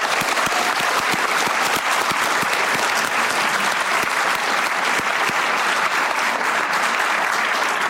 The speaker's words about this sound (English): And if we could give a round of applause.